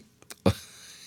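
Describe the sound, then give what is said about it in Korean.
A single sharp, abrupt hiccup bursts out after a couple of faint breathy clicks, fairly loud, followed by a short quiet tail with no talking. “어우, 딸꾹질.”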